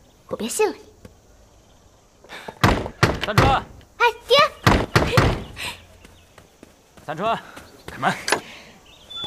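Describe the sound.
Several heavy, thudding knocks on a door locked in the daytime land in quick bursts, loud, with a father's voice calling out to open the door before, between and after the pounding.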